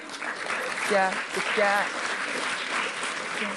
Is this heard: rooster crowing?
no